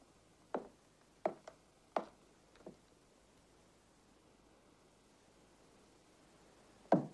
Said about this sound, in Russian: Проходя по длинным коридорам здания, Деточкин снимает шляпу, отыскивает кабинет Подберезовикова и, немного поколебавшись, осторожно стучит.